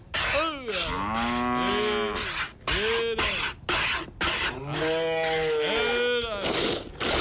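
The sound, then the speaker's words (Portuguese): A cow moos loudly during milking, letting out several long, drawn-out bellows in a row with short pauses between them and no one speaking. “mas que tal a gauchada também, já tá aí, tá na lida, campeira, tão tirando leite, ó.”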